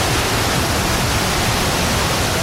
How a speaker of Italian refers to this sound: Sul pira di Santa Monica, accarezzato dalle onde,